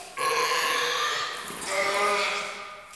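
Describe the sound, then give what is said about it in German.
A young seal gives a loud, drawn-out grunting call lasting nearly three seconds, rough and tonal, briefly dipping midway before swelling again, with no talking over it. “Das ist schon nett, so eine kleine Robbe, gell?”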